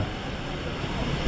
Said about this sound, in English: And I mean, as you might be able to hear now, it's actually pouring with rain as well. I mean, is this unusual? It feels like it's a bit strange. For the rain?